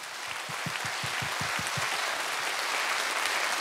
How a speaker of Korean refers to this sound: 해금의 매력 그리고 해금의 가능성을 만날 수 있는 무대였어요. 그리고 영남 국악의 미래를 엿볼 수 있는 무대이기도 했습니다. 영남 국악의 미래를 짊어지고 갈 젊은 국악인들에게 여러분 다시 한번 뜨거운 박수 부탁드립니다.